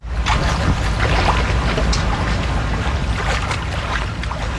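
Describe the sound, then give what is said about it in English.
Someone with a walking stick wades through Roaring Brook, a tributary of the Connecticut River in Glastonbury, Connecticut, searching for sea lamprey nests; steady rushing water with irregular sloshing splashes from their steps; no voices. “wields a walking stick as she wades through this tributary of the Connecticut River in Glastonbury, Connecticut.”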